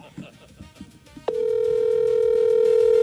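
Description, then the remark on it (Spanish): After a moment of muffled talk, a telephone rings with an incoming call, cutting in abruptly: a loud, steady electronic tone at a single mid pitch that holds unbroken to the end. “¿Quién le está llamando a esta hora?”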